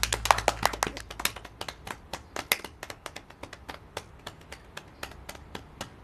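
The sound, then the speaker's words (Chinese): Scattered, uneven hand clapping from a small group at the opening of the founding meeting of a public order maintenance committee, fairly dense at the start and then thinning into sparse, irregular claps. There is no talking. “现在我宣布治安维持会成立大会开始。 鼓掌。”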